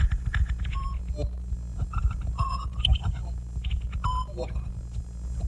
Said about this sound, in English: Thank you for choosing static. We value your confusion. Your patience with this broken signal is much appreciated.